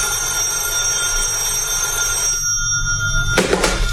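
A telephone bell rings steadily with a bright, sustained metallic tone, then cuts off near the end as a short rustling clatter follows, like the receiver being picked up.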